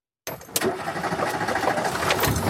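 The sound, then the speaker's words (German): After a brief moment of silence, a Renault 4's engine cuts in abruptly and runs steadily at a weekend gathering of Renault 4 fans in the Spessart, Germany: a fairly loud rattling rumble with a few sharp clicks and clatters on top. “Der Renault 4. Eine Leidenschaft auf zwei Achsen und vier Rädern.”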